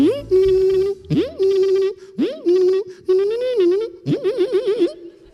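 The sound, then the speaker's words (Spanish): A voice imitates a slot machine as a mock sport sound in a spoof sports-sound course, with five loud, buzzy sung bursts, each swooping upward and then holding a steady tone. The last burst warbles up and down in quick ripples. “El famoso deporte de las máquinas tragaperras.”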